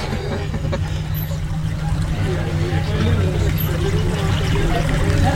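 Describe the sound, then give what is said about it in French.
A boat pushes steadily through water, trying to overtake a boat ahead, its low engine drone blending with a constant rushing wash of spray, while faint voices murmur underneath. “On essaie de doubler le bateau devant là.”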